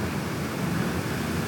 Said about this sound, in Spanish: Ahí se escucha. Ahí la escucharon, ¿verdad? Sí, ahí se escucha. Sigue lloviendo por Valdivia.